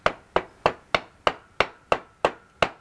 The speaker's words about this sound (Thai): ได้ลองใช้ค้อนตอกไปมันจะพอดีตอกอีกซี่นึงอ้าวนั่นๆๆตอกไปเลยนะนะ